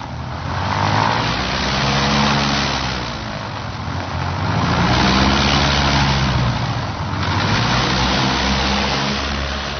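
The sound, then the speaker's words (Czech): An airplane engine drones steadily and loudly, its low, humming roar swelling and easing in slow waves roughly every few seconds, with no voices present. “Tohle například je letadlo.”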